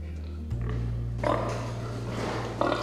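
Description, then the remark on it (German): Pigs grunting and snuffling together as they are given a limited amount of feed in an experiment, the dominant pigs pushing the weaker ones away, with bursts of louder squeals and jostling noise over a steady low mechanical hum. “Für den Versuch bekommen die Schweine eine begrenzte Menge Futter. Die dominanten Tiere drängen die schwächeren weg.”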